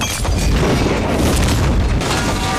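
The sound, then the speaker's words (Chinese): A powerful bomb explosion erupts, a deep booming roar that rumbles loudly for a couple of seconds before its crackling edge begins to fade. No voices are heard. “这个炸弹只是一个警告。”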